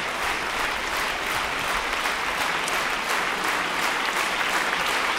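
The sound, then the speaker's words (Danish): Sustained, dense applause from a large standing audience in a concert hall, many hands clapping steadily and loudly without pause for the whole stretch, with no voices standing out above it. “Jeg ved ikke, om vi får et ekstra nummer, men publikum her i koncertsalen står i hvert fald op og virker, som om de er klar til mere.”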